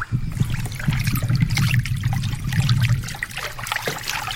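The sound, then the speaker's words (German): River water flows steadily, a continuous babbling rush with trickling, splashing detail layered over a low churning rumble, fairly loud throughout. “Oh je, da ist ein Fluss.”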